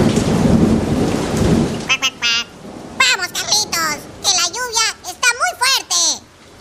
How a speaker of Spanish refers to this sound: Mientras iban caminando, el patito Juan y Carlos, se largó una lluvia muy fuerte y los chicos se mojaron todo.